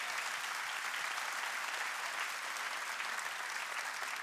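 Steady, dense applause from an audience, a continuous crackle of many hands clapping at an even volume throughout with no voices rising above it.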